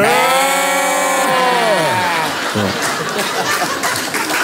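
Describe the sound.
Two voices imitate sheep, holding long, wavering bleats together for about two seconds before breaking into laughter and loud chatter.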